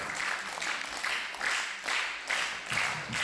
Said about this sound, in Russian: Все, пожалуйста, аплодисментов еще. Дадим немного отдохнуть нашему замечательному музыканту.